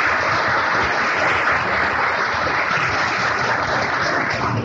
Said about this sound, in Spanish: También, finalmente, la Asociación Gnóstica quiere expresar sus más sinceros agradecimientos de una forma pública al profesor Alfonso Valencia Ríos, jefe de información del periódico El Dictamen. También para él pedimos un gran aplauso.